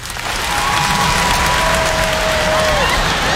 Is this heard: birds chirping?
no